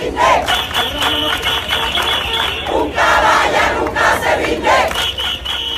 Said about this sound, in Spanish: Este domingo los ciudadanos han vuelto a salir a la calle al grito de «Yo soy español, español» o «Una caballa nunca se rinde».